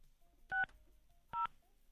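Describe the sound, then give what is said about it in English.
Two short touch-tone beeps from a phone keypad, spaced under a second apart, each a clear dual-pitched electronic tone over near silence as a phone number is dialed to call someone live on air. “So I'm going to type the number.”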